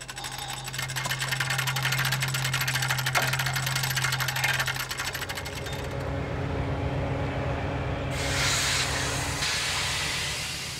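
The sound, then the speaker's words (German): A locomotive shunting freight wagons at the small Enzesfeld-Linderbrunn station, distributing wagons onto sidings and picking up others, a steady low engine drone under hissing steam and metallic clanking and squealing, the sound shifting to a brighter hiss partway through. No one speaks. “Die Zuglok verteilt Wagen auf Anschlussgleise und nimmt andere Wagen wieder mit.”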